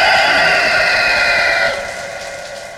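A rooster crows loudly, one long, bright, strained call that holds steady for well over a second before tapering off. No voices accompany it.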